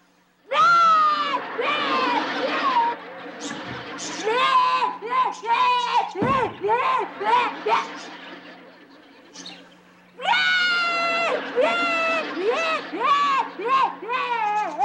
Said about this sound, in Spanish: ¿Qué te pasa? ¿Por qué estás llorando? Porque yo quería palomitas de maíz y mi papá no me quiso dar dinero para comprar.